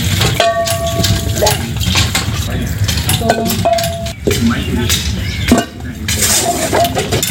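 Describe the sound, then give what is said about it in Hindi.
Pots and utensils clink and clatter as food is cooked in an ordinary home in the evening, with repeated sharp metallic rings over a steady busy background and faint voices now and then. “मान लीजिए एक साधारण सा घर है, शाम का समय है, खाना बन रहा है”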